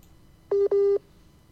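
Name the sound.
telephone call tone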